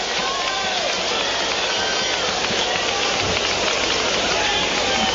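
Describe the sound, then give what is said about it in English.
Steady, dense hiss of rain falling across an open ballpark field during a baseball game, discolouring spots on the infield, constant and fairly loud throughout, with a faint murmur of voices underneath. “We're starting to get some discoloration on the infield and a couple spots on the right side, it looks like, as the rain continues to fall.”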